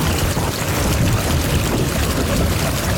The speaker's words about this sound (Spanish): O también otro tipo de ruido como de tormentas.